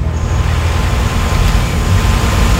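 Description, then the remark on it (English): An air conditioner runs steadily during a Phoenix Fire FM radio broadcast, a loud, constant whooshing drone heavy in low rumble, with no changes in level and no voices. “And yes, you can hear my air conditioner, and I'm not shutting it off.”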